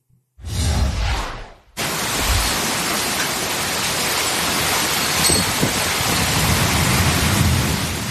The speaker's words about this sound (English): My goodness gracious, to say soggy would be an understatement there in Tucson, Arizona. The desert southwest is flipping the switch from scorching heat to monsoon rain.